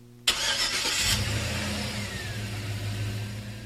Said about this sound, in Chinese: 这首歌很应景，对不对啊？开这个歌曲的前奏一刚开头就是车子的引擎发动声